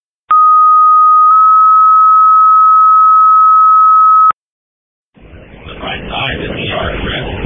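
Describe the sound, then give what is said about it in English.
A loud, steady two-part fire dispatch pager tone for responding firefighters: a short first pitch sliding straight into a longer held second pitch for about four seconds, then a pause before crackly radio noise with faint voice. “Disregard tones, disregard tones.”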